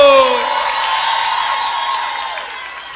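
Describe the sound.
An audience bursts into dense, steady applause mixed with cheering, a voice whooping at the start, the clapping sustained and slowly easing off over three seconds.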